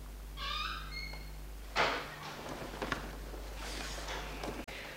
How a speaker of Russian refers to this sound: Шкаф как скрипит, а смазать нечем.